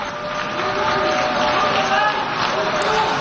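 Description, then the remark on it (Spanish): At the UN General Assembly, as Israeli Prime Minister Benjamin Netanyahu takes the podium, delegations fill the hall with a steady, dense wash of clapping mixed with shouted protests and raised voices, holding at a constant loud level throughout. “Se mezclaban las protestas y los aplausos de otras delegaciones que han decidido permanecer y apoyar al primer ministro israelí.”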